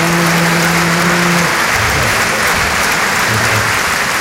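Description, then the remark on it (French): A crowd claps loudly and steadily, dense applause for several seconds, with a low hum in the first part and no voices heard over it. “C'est elle qu'il faut applaudir.”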